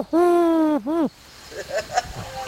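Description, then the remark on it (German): A person imitates a wood pigeon's call, giving two loud hooting notes, one long and one short, before the sound drops to faint background noise. “Der kann hier eigentlich noch einen Vogel nachmachen.”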